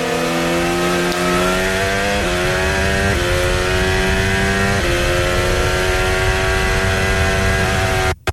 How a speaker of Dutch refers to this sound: De auto komt tot leven en Kimi Antonelli is voorbij aan Charles Leclerc.